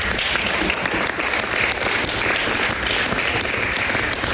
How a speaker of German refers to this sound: Vielleicht können wir vorab schon mal Applaus dafür spenden.